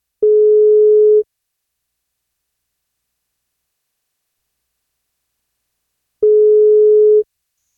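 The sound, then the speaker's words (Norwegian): Two long electronic ringback tones from an outgoing phone call to a birthday-cake prize winner, each about a second, separated by several seconds of silence, steady and clear. “Men for at hun skal få bursdagskake, så må hun ta telefonen når vi ringer.”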